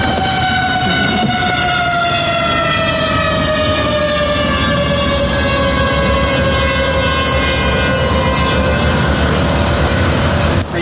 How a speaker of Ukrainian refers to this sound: Прощаються з містом під дзищання дронів. Дрон.